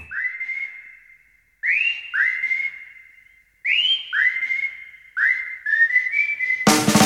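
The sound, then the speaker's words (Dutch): A person whistles a clear, melodic tune in rising phrases with sustained notes and short pauses between them, fairly loud, ending with a sudden burst of noise. “Ja, fluitend je dag inzetten, dat doe je hier bij Nostalgie Plus.”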